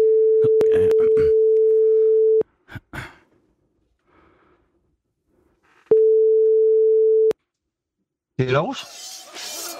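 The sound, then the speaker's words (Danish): A telephone ringing tone on an outgoing call: two long, steady, clear beeps separated by a few seconds of near silence, with small handling noises between, then a voice briefly answers at the end. “Så ringer vi.”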